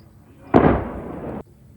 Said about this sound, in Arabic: استهدفت غارة إسرائيلية بلدة الغازية في قضاء صيدا جنوبي لبنان.